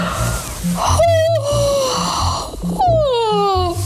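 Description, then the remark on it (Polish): Two long, exaggerated yawns in a row, done as an oxygenating exercise, each a drawn-out voiced sigh that slides downward in pitch, loud with breathy gasps at the start. “Moje ukochane ćwiczenie, zawsze wam to mówię i zawsze to jest prawda, czyli ziewanie.”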